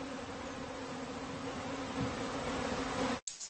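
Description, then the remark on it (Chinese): Honeybees flying at high speed buzz in a steady, dense drone that holds at an even loudness for about three seconds, continuous, before cutting off abruptly. No one speaks. “蜂虎最主要的食物就是这些勤劳的蜜蜂，但是这种高速飞舞的蜜蜂对于蜂虎而言就不太好捕捉了。”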